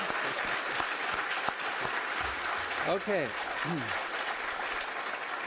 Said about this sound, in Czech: Děkuji a já tleskám vám.